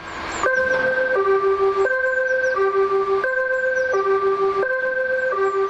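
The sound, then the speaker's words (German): A fire station alarm gong sounds through the Gladbeck fire station for a drill, as a loud, steady electronic two-tone signal, alternating between a higher and a lower note roughly every second, repeating without pause and with no voices. “Der Alarmgong hallt durch die Gladbecker Feuerwache.”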